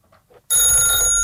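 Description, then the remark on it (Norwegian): After a near-silent half second, a loud bright ringing bursts in and holds steady, a dense metallic bell tone like a telephone ringing. “Det ringer, hør, hvem kan det være? Ta telefonen.”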